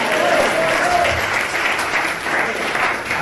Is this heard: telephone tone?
no